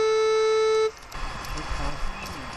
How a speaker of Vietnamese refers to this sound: Chỉ mới tiến hành dò tìm vài chục mét vuông, chiếc máy dò này đã phát ra tín hiệu báo động có vật thể kim loại ở phía bên phải đầu dò.